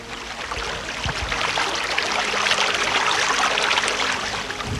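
Water gushes and bubbles up steadily from a sewer chamber beneath the pavement on Ángel Muñoz street, Parque Kramer sector, Valdivia, a continuous rushing sound with a faint low hum underneath and no voices.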